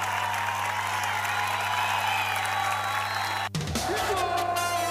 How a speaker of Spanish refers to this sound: fuerte ese aplauso para Federico.